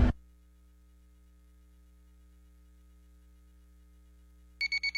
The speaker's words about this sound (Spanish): ¡Ay, no me quiero levantar! ¡Ay, cómo odio los lunes! ¡Pero qué buena alarma tengo! ¡Sí, venga, arriba!